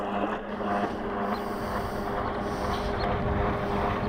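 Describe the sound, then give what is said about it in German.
A roaring jet ski approaching at speed near a small rowing boat drones steadily with a broad, rough rumble and a few tonal engine whines, joined by wind buffeting, loud and continuous with no talking. “Wie bestellt nähert sich ein röhrender Jetski, brettert mit ordentlich Tempo statt einwärts.”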